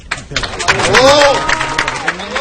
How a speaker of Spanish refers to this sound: Aplausos a Enrique Riquelme en este discurso de final de campaña